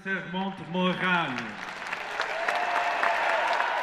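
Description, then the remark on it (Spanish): A crowd cheers and claps as Pope Leo XIV tours Lourdes in the popemobile. Raised voices dominate the first second or so, then dense, steady applause takes over, loud and sustained to the end. “Entre vítores y aplausos, el Papa recorrió Lourdes en papamóvil y visitó a una comunidad de carmelitas en una jornada marcada por nuevas muestras de fervor popular.”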